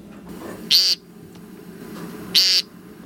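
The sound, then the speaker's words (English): Two nasal, buzzy 'peent' calls of an American woodcock, each short and fairly loud, spaced well apart over a quiet low rumble of background noise. “The American woodcock.”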